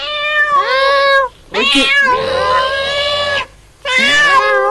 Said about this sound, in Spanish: amor y cuidado por los animales. ¡Miau!